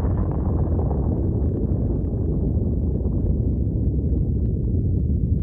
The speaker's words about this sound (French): Donc on a deux grands types, éruption explosive, où le magma est vraiment éclaté complètement parce que le gaz est tellement volumineux, il est tellement important de faire monter le magma vers la surface, ça va faire une explosion.